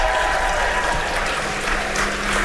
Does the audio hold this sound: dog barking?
no